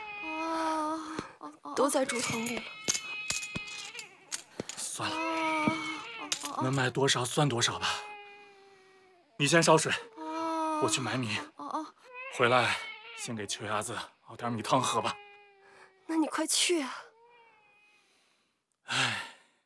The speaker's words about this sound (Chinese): 莫让他哭了。他是饿了， 饿了你就喂他奶水嘛。